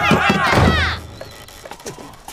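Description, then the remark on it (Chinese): A wooden door is smashed in: a loud, splintering crash of wood breaking apart, followed by scattered clattering and creaking debris as the impact dies away, forceful. “真不开门是吧？再不开门，我砸门了！”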